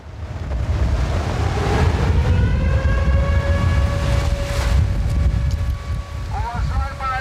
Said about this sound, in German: Doch dann Luftalarm, mitten am Tag. Offenbar stört das ja niemanden. Der Sound hier in diesem Sommer, Meeresrauschen mit heulender Sirene.